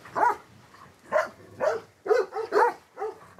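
A shepherd's untrained herding dogs that guard the flock bark in a quick, uneven run of about seven sharp barks, fairly loud, with short pauses between them and no talking.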